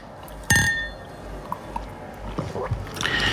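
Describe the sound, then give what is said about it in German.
A single bright clink of glasses touching in a toast, with a short ringing tone that fades quickly, followed by soft handling and sipping noises. “Ja, also dann, Anfang September. Prost.”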